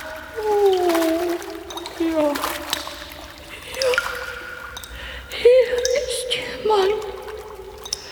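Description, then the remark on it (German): Water splashes and gurgles in irregular bursts up from a deep chasm filled with black water below, with bubbly, wavering tones rising and falling over a steady wet background. “Aus der Tiefe drang ein Plätschern und Glucksen zu ihm herauf.”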